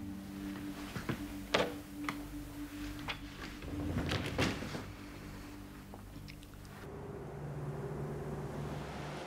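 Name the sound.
door being closed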